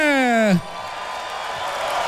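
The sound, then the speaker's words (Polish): A drawn-out shouted call falling in pitch gives way to a steady, broad roar of a large crowd at a hip-hop concert in Opole cheering and making welcome noise, holding at an even level to the end. “Witam was wszystkich, zróbcie powitalny hałas, Opole!”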